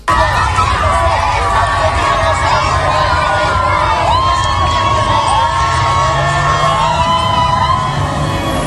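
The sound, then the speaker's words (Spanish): A large crowd of fans roars continuously, with cheering, shouts and whoops rising over a dense, steady wall of voices and scattered chant-like calls, welcoming the Spanish national team bus near the Palacio de la Zarzuela. “Alegría, gritos y cánticos de los aficionados.”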